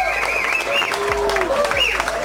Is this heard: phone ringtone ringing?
no